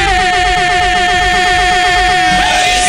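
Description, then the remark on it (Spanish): A car horn blares loudly and continuously for about three seconds, a steady unbroken honk over low rumbling engine noise, with a brief warble near the end. “te lo cambiamos por una bocina nueva para que puedas sonar chido”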